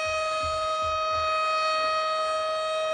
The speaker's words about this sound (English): This siren's killing me. It's awful.